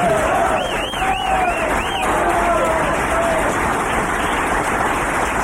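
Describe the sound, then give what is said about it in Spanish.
An audience at a joke-telling show applauds steadily and loudly for several seconds, a dense wash of clapping with a few rising and falling whistles cutting through near the start. “Bueno, ustedes aplauden, yo tomo un trago y vuelvo, para que no se note.”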